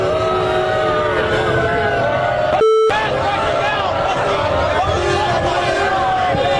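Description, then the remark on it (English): A large indoor crowd at a venue in New York roars with sustained, loud booing and jeering at Donald Trump's arrival, briefly cut by a short electronic tone partway through before the dense crowd noise resumes. “Donald Trump being lustily booed when he arrived at the venue tonight in New York.”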